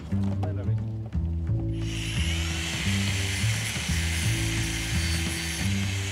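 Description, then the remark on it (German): An angle grinder whines up and cuts steadily, a loud, harsh, high-pitched grinding hiss held for several seconds over a pulsing low mechanical hum. “Björn, bring mal die Flex. Die Flex.”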